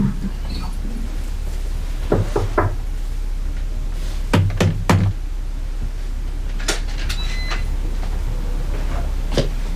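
Knocking on the door of a home at an address taken from an ID card, in short bursts of about three sharp raps each, repeated a few times with pauses between, clear with no talking.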